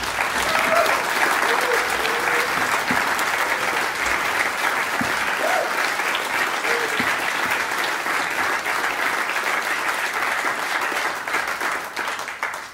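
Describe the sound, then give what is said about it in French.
Sustained audience applause for two guitarists playing Malian music fills the whole stretch, a dense, steady wash of clapping from a large crowd that stays loud before easing slightly at the very end, with faint voices mixed in. “Et ça, c'est vraiment, il faut vraiment applaudir pour les deux grands guitaristes, vraiment.”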